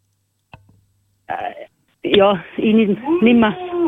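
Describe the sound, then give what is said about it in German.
A person imitates a cow, giving drawn-out, wavering moo-like vocal sounds, preceded by a short click and a brief breathy noise. “Jetzt, aber das war nachgemacht.”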